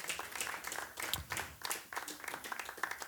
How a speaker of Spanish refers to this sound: Dele fuerte las palmas a él si usted entiende y cree esta palabra.